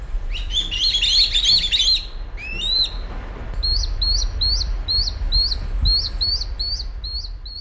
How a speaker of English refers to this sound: On Sunday, an adult kite delivered food, a small bird of some kind, to what were obviously its begging fledglings. It sounded something like this.